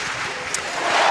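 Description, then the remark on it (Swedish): A stadium crowd cheers in a dense, steady roar that swells louder toward the end, with no single voice standing out, at Alexander Stadium in Birmingham as high jumper Jaroslava Magoushi clears 1.97 straight away. “Och jubel på Alexander Stadium när Jaroslava Magoushi klarar 1,97 direkt i höjdhoppet.”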